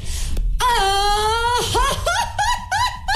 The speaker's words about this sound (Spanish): vamos a hacer un concurso rápido de gritos de mariachi